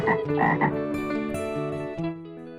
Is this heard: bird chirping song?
no